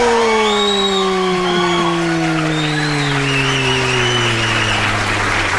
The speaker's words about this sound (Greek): Κυρίες και κύριοι, υποδεχτείτε με ένα ζεστό χειροκρότημα